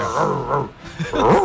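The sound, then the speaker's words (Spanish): A radio listener voices an angry monkey: harsh, strained vocal bursts with wavering pitch, two main outbursts separated by a short gap, loud. “Mono cabreado.”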